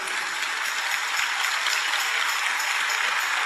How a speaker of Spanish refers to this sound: Si el aplauso fue para mí, muy bueno, pero si es para el Señor, que sea más fuerte y que sea de pie.